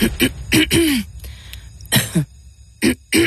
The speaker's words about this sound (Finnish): Hei, älä suotta köhi.